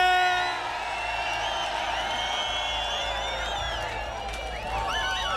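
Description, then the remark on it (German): A large crowd in Epfenbach cheers and whoops continuously after the town is announced the winner of a points contest, many voices shouting and hollering together at a steady, loud level, with excited calls rising over the din toward the end. “So, und jetzt versuche ich hier in Epfenbach irgendwie in den Jubel reinzukommen.”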